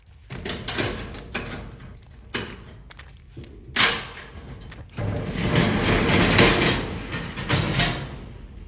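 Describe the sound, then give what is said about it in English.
Metallic clunks and clicks from a door latch, then a long, loud rolling rattle as a storage unit door slides open. No one speaks. “Open up the storage unit.”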